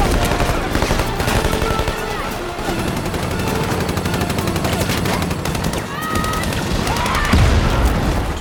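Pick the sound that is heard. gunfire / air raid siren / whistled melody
gunfire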